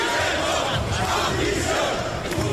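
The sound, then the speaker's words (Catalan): A street protest crowd, during the amnesty negotiations between Pedro Sánchez and Junts, shouts in a loud, continuous roar of many voices blending together, with rising swells but no clear words or individual speaker standing out. “Pedro Sánchez, que avala aleshores començar aquestes negociacions amb Junts per l'amnistia, les negociacions que es fan enmig de protestes al carrer.”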